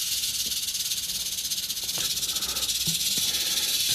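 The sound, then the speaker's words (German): A snake hisses in a loud, continuous breathy rush that fills the whole four seconds, steady with slight pulsing, with a few faint low knocks underneath and no talking. “Bauer ist Reptilienspezialist aus Hilter und wurde kurzerhand zu dem Schlangeneinsatz gerufen”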